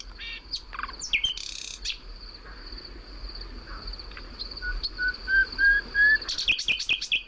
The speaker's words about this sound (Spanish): Son decenas de motivos distintos con esta voz limpia. Pero a mí lo que me gusta del ruiseñor no es lo que dice, sino cómo se calla y deja que se escuche la noche a través de esas pausas.